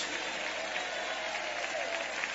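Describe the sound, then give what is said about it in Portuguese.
An audience applauds God in a steady, dense wash of applause with no pauses, a bright continuous patter of many hands holding an even loudness throughout. “Aplaude a Ele então, aceita hoje a proposta de Deus.”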